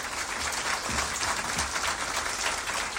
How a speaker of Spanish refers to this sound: Y aquí está, aplauso para nuestro papá Guazú.